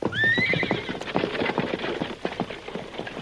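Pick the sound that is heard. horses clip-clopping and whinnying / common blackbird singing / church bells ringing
horses clip-clopping and whinnying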